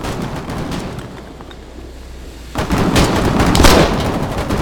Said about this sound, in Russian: Кстати, если вы слышите, мне тут, похоже, опять в трубу воду пытаются залить.